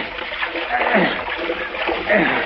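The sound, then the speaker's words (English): Someone wades through shallow water toward a man floating face down, with steady sloshing and splashing and two heavier surges as legs push forward. The splashing is fairly loud throughout. “If it was only just a little bit deeper, I could make better time swimming.”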